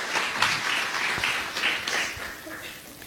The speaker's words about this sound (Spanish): ¿Cuántos hermanos y hermanas se encuentran en este hermoso lugar comprados con la sangre de Cristo? Puede regalar una ofrenda de aplauso al Señor, los comprados con la sangre de Cristo.